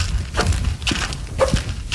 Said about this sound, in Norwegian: Der går vi. Husk det er halt, for det bare ene skoen som knirker. Og i tillegg så har du valgt å ha friskpastiller som raller i en helt egen rytme i lomma samtidig.